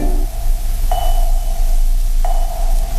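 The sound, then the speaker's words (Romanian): A fetal heart monitor during a medical procedure under anesthesia, the fetus's heartbeat heard very faintly, sounds two electronic pings, each fading slowly, spaced over a second apart, over a steady low hum with no voices. “Domnule doctor, se aud foarte slab bătăile inimii fetusului.”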